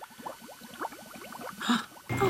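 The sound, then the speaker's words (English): Liquid bubbling and gurgling in a lab experiment, a rapid stream of small pops, moderately loud, ending with a burst of fizzing, hissing noise. “We saw your bubbles all the way from my office.”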